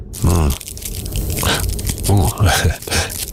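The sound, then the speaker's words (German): Dry, crackly crinkling of thin cigarette rolling paper in several uneven bursts, bright and fairly loud, with brief voiced sounds in between, used as an ASMR tool. “Und danach knistert er noch so mit Zigarettenpapier.”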